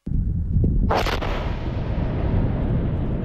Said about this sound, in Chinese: 塞北某地腾空而起一团沙尘，随着某型导弹顺利着靶成功爆炸，火箭军某部某型装备的试验鉴定进入了尾声，搜集到的各项数据指标平稳，任务即将顺利收官。